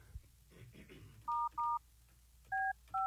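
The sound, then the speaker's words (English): Four loud telephone keypad dialing tones, each a short steady beep: two in quick succession, a brief pause, then two more, following faint murmuring voices, as a call is dialed to the company Two Clean Whips in Pinellas County. “If you're just joining us, we're trying to call the kids with the company who had a gun pulled out of them in Pinellas County.”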